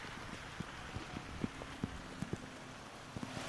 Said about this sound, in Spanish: Repito, es que vuelve a arreciar la lluvia y de qué manera, las condiciones son extremas.